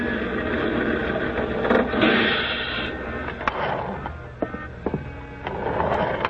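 A large vehicle rumbles with a steady engine drone, a brief hiss, and scattered mechanical clicks and rattles as a bus pulls up to a stop.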